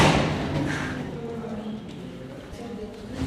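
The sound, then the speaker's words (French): Footsteps climb a staircase, a series of hollow thuds in an uneven rhythm, with muffled voices faintly in the background. “On va prendre l'escalier, ça sera plus simple.”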